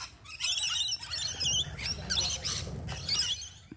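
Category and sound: bird, rainbow lorikeet call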